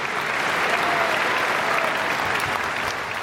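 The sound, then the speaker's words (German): Dense, steady applause from a large concert audience after Sergei Prokofiev's Second Violin Concerto with the Mozarteum Orchestra Salzburg under Antonello Manacorda, a continuous roar of many hands clapping at once, loud and even throughout with no individual claps standing out. “Und das war der begeisterte Beifall, mit dem sich das Publikum bedankte.”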